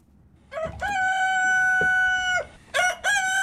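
A rooster lets out a loud, drawn-out crow, followed by a couple of short, sharp clucking calls, with faint farmyard background noise and no talking.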